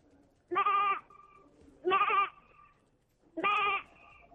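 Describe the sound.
An eighth-grade child doing voice mimicry imitates a lamb's bleat three times, each quavering "baa" about half a second long, evenly spaced with short quiet pauses between, clear with no other talking.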